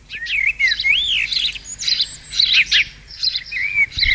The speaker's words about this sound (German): Alle fragen sich gerade, warum hier dieses Vogelgezwitschere läuft.